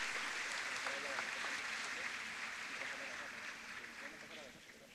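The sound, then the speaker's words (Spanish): A church audience applauds the Lord steadily, a dense wash of many hands clapping that holds for several seconds and slowly tapers, with faint voices mixed in underneath. “Que Dios bendiga, un aplauso al Señor y gracias.”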